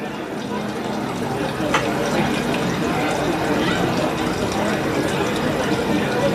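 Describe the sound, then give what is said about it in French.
A stream flows steadily, its continuous rushing, babbling water holding an even, fairly loud level throughout without pauses. “on a aussi la possibilité, dans la restitution, de dire est-ce que la perception est la même si ce ruisseau-là qui est derrière nous, il est peut-être plutôt devant nous.”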